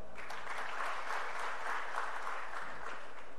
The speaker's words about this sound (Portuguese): Olha o Léo Pereira sendo mais aplaudido até agora, hein?